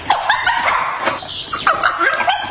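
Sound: dog barking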